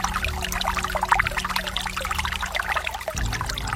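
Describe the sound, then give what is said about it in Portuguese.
Holy water trickles and splashes steadily into a small bottle for several seconds, a continuous pouring sound with a low hum underneath and no talking. “Traz uma garrafinha vazia e você vai encher a sua garrafinha com a água benta e exorcizada. Aí você vai fechar a sua garrafinha e vai levar esta água para a pessoa que sofre.”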